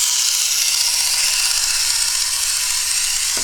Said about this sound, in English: I got my green boat here. Adjust the motor. Wind it up. And I put it in the water.